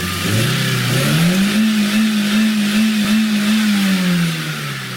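A car engine that has had cheese put in it revs up quickly and holds a loud, steady high idle for several seconds before easing off slightly. The engine runs alone, with no voices.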